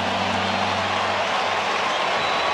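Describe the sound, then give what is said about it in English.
A large baseball stadium crowd in Chicago, at a game against Cleveland, roars in a steady, dense wash of noise, loud and continuous throughout, with a low rumble underneath and no clear voices standing out. “You can hear the crowd here in Chicago.”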